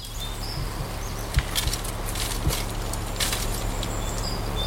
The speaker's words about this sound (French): Moi, j'entends le courant d'une rivière. Attendez, on refait pas de bruit pour voir? C'est une rivière. Ah oui, c'est une rivière.